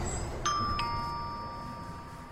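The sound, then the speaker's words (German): A doorbell chime at Bergstraße 15 rings two quick notes, ding-dong, and the bright tones linger and slowly fade over a quiet hum. No one speaks. “Ach, eine Klingel. Vielleicht mit der Nase.”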